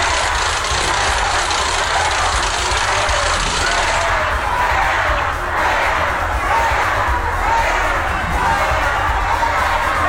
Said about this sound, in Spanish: en el estado de Colima, donde gobierna Indira Vizcaíno, y ahí recibió abucheos e irrupciones por parte de un grupo de manifestantes. La mandataria los calificó de irrespetuosos y aseguró que eran infiltrados y formaban parte del PRIAN.